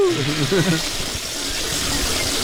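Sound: toilet being flushed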